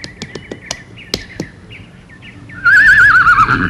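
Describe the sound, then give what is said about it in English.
A few scattered hoof clops sound, then a loud horse whinny rings out with a shaky, quavering pitch over faint outdoor background noise: Prince Charming's horse approaching. “And, hark, I think I hear the Prince's horse approaching now.”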